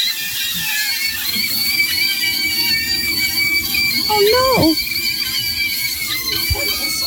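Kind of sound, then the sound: food or drink, sausages squealing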